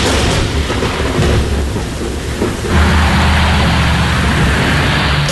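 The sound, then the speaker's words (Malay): Steady rain hisses throughout while deep thunder rumbles low and heavy, swelling louder about halfway through and rolling on to the end, with no voices. “Jadi amaran ribut petir ini melibatkan bagi negeri Perak kita di daerah Kerian, Selama, Larut Matang, Manjung dan juga Bagan Datuk ya.”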